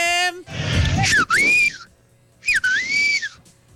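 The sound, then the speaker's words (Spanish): Two loud wolf-whistle-like whistles given as votes, each a rising-then-falling swoop, separated by a short pause, with some background noise and murmur around them. “Eran dos chiflidos.”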